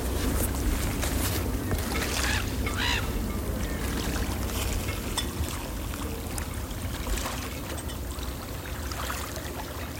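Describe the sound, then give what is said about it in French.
Steady ambience of a moored sailboat's mast on the calm Gulf of Morbihan, with a constant low hum and faint creaks and rigging clinks, plus birds honking now and then. “Ambiance mat de bateau sur golfe du Morbihan calme.”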